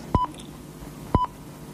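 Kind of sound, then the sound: signal or alarm, telephone dialing tones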